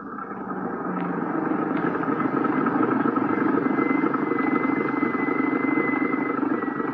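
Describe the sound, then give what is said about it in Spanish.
An approaching car's engine rumbles loudly and steadily, its droning hum swelling briefly at the start and then holding constant throughout, with no voices. “¿Dónde está el coche? Por ahí, papá. Por ahí viene.”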